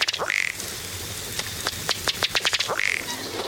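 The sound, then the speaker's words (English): A ruddy duck calls: a quick rising note, then a rapid series of dry ticking taps that speed up toward the end, followed by another rising note, with no voices. “Another water bird that doesn't walk very well is the colorful ruddy duck.”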